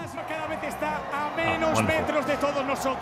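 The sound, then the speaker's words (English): A huge street crowd of almost 2 million people in Madrid, Spain, celebrates Spain's World Cup football win as the team parades in an open-top bus, many voices cheering and chanting together in a loud, continuous roar that swells and holds steady throughout. “huge crowds have been celebrating Spain's World Cup football win in Madrid”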